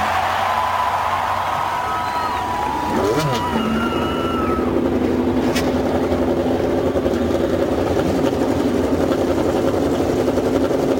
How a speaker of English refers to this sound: Lady and gentlemen, start your engines.